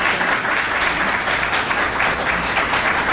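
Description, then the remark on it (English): Steady, dense applause from an audience for a panel, a continuous crackle of many hands clapping at once, fairly loud and even throughout with no voices over it. “One more time, a round of applause for this panel.”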